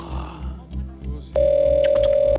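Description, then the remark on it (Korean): Soft rhythmic low thumps give way to a loud, steady mid-pitched telephone ringback tone that holds unbroken for about a second, as the Cultwo Show radio program places a live outgoing call to a listener who sent in a story and waits for it to connect. “자, 전화 갑니다.”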